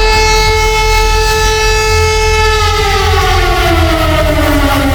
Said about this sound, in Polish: System nadawania alarmów w Polsce działa poprawnie. To było testowane wczoraj w wielu miejscach. Można było usłyszeć taki dźwięk.